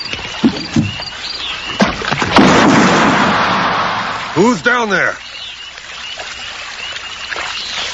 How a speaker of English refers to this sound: Is there someone in a boat out there?